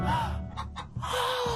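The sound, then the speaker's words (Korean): A pet chicken, Kkokko, that has wandered into Kkong Daegam's house clucks and squawks in a few quick, breathy bursts, fairly loud, with a brief pause in the middle and no one talking. “하필 내 꼬꼬가 꽁대감님 댁에 들어간 거야.”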